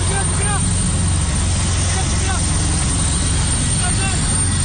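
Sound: military helicopter descending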